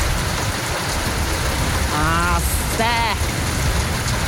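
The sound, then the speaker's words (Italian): Steady rain hisses and patters continuously, heard from inside a garage in Bironico, with two brief tonal sounds rising out of it near the middle. “Questo, fuori c'è il piove, direbbe un amico.”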